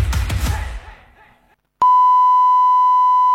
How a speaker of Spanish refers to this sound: La señal indicará las 19 horas, 28 minutos, 0 segundos.